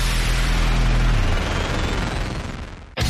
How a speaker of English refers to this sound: When you're putting on a big fireworks show, you need the biggest finale cake.